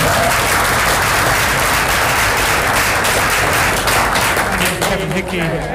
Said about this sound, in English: So I think we just give a round of applause.